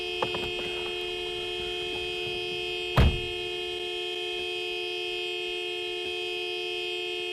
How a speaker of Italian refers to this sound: Togli le mani dal clacson! Scusa, si erano incastrati i pollici.